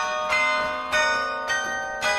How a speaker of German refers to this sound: Seit letztem Winter spielt er das Carillon, also Glockenspiel, in der Kasseler Karlskirche. Immer wenn er keine Schule hat, steigt er hoch hinauf in den Glockenturm.